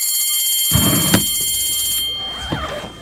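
A bell rings with a bright, shrill, sustained tone for about two seconds, over a low rumbling thump, then the ringing fades out into quieter murmuring noise.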